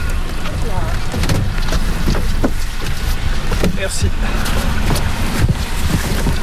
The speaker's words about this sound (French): puis là on s'en va donc les déverser dans le lac d'Hourtin. Donc il y a deux bateaux, un bateau avec les civelles qui est en train de partir et nous on monte sur un autre bateau avec les pêcheurs locaux pour les suivre.